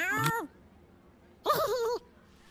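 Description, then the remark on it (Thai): A cat named Mister Biscuit meows twice from inside a backpack, a short call followed a second later by a slightly longer, wavering one, both clear with quiet background in between and no talking. “แมวฉันเองมาแอบในเป้ฉันทำไมมิสเตอร์บิสกิต”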